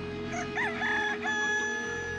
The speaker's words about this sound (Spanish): A lo lejos, muy a lo lejos, se escuchó el canto de un gallo.